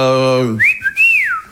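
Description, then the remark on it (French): A steady low buzzing vocal tone gives way to a loud two-part catcall wolf whistle, as in sexist harassment at a metro exit: a short upward swoop, a brief break, then a long rising-and-falling glide. “Le harcèlement sexiste, tu vois, sortie de métro.”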